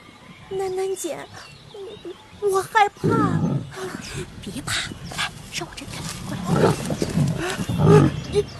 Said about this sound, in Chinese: 你听，是野猪。 啊，野猪！听说它会吃小孩的。